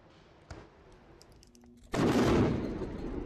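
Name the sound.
explosions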